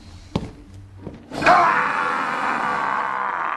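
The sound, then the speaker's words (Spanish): A couple of dull thuds, then the ogre Shrek lets out a loud, rough roar that holds for about two seconds, a sustained raspy bellow that stays strong without fading. “Y si el rugido no funciona, tu mal aliento seguro los desmaya.”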